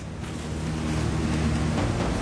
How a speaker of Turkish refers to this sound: Geri planda nehir sesi varken duymak zor evet.